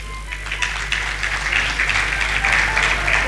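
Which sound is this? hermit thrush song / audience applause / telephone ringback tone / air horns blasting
audience applause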